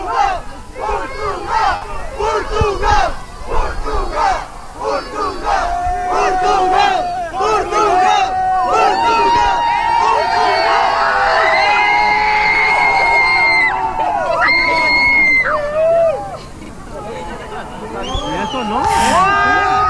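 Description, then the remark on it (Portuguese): A large crowd of fans welcoming Portugal's national football team cheers and chants the name of Portugal, and also of Ronaldo, in loud rhythmic unison. Voices rise and swell together with shouts and whoops throughout. “Estávamos a ouvir bastante bem, ouvia-se os adeptos a gritarem pelo nome de Portugal.”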